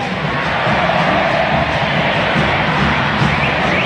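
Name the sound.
stadium crowd chanting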